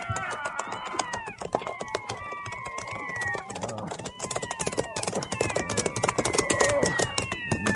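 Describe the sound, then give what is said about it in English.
A crowd of cats in the air meowing at once, their overlapping, wavering cries filling the air over a steady patter of sharp clicks and taps that continues throughout. “do you ever see so many cats in the air at one time?”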